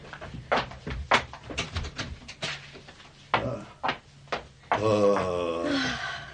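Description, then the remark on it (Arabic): A door is pushed shut amid a series of wooden clunks and knocks, followed by a sustained voiced exclamation near the end. “أغلق الباب.”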